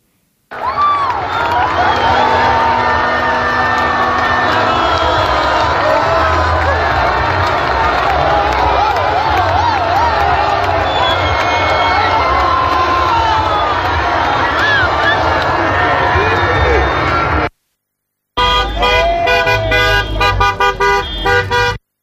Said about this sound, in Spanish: Las celebraciones ayer en Ávila por la noche después del triunfo de la selección española en la final del Campeonato del Mundo frente a Argentina.